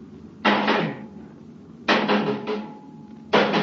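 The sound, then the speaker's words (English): Three loud, evenly spaced metallic knocks as a metal rod strikes a metal bulkhead to knock off metal-eating worms, each a quick double or triple clank with a short ringing decay. No one speaks. “And we can knock them off with that.”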